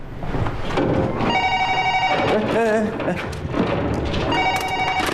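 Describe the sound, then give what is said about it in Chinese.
A telephone rings twice in bright, buzzing bursts, one about a second long and another starting near the end, over busy background noise and muffled voices. “哎，你电话还用不用？”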